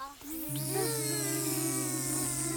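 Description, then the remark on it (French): Children at a school in Saint-Julien-du-Cerf imitate a bee with their voices during a lesson about bees: a steady, low buzzing hum holds for about two seconds while other higher, wavering child voices join in over it. “Vous me faites le bruit de l'abeille, ça fait comment?”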